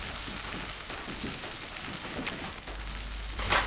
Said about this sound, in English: Next, she fries some capers until they turn crisp. I'm frying the capers so they open up like little flour and becomes crunchy.